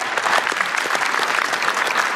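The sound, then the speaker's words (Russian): Steady applause from married men in a Comedy Club audience, a dense wash of many hands clapping at an even loudness throughout, with no voices standing out above it. “Слушайте, а поаплодируйте, женатые парни, есть?”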